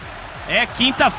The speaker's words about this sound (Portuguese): E agora a torcida canta.